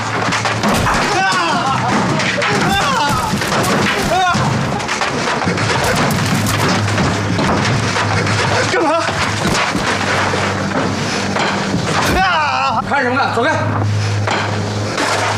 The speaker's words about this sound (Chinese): 外滩玫瑰酥，兄弟们，就这儿了，他们给我砸！